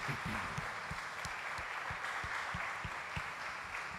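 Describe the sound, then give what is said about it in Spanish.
A crowd applauds all teachers on Teachers' Day, May 15, clapping steadily for several seconds in a dense, even wash of many hands, with a regular low thumping beat running underneath. No one speaks. “Un aplauso a todos nuestros maestros.”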